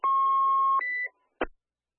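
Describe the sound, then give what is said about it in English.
A dispatch alert tone for a medical alarm call to Engine 71 sounds: a steady electronic tone holds for nearly a second, then jumps to a higher pitch briefly, followed by a short burst after a pause. Loud and clear, no talking. “Engine 71, we have a medical alarm coming through 1419 Sussex.”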